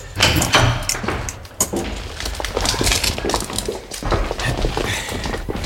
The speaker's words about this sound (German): Ja, hinter dieser Tür dort. Und jetzt öffnen Sie bitte die Asservatenkammer.